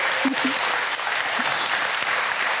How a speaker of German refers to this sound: Schicken wir doch mal allen Gewinnern einen Applaus nach Haus.